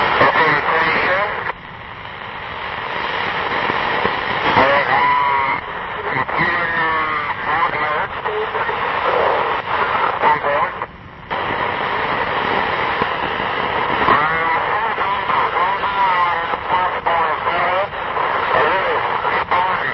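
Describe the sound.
Shortwave radio reception with a steady hiss and crackle, warbling tones sliding up and down, and garbled, muffled voices underneath. It drops out for a moment partway through.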